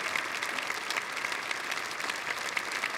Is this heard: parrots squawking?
no